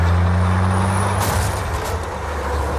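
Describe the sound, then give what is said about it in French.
A heavy tanker truck's engine rumbles low and steady during a chase on California roads, then a loud hiss of air brakes bursts out about midway and trails off as the diesel keeps idling. “dans cette course-poursuite, Steven Spielberg ne montre jamais le chauffeur du camion-citerne”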